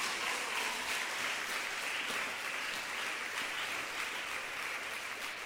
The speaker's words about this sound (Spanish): Fuerte ese aplauso a la palabra viva.